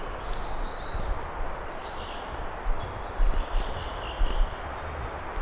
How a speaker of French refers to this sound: Toujours dans l'épaisseur de cette forêt.